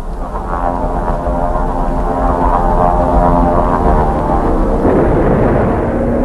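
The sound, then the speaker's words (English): A loud, steady drone of three Japanese propeller airplanes passing overhead during an air raid on Chinjiangpu, dropping bombs at the airport, the layered engine hum holding constant for several seconds with no voices present. “Three Japanese planes flew over and dropped three or four bombs at the airport.”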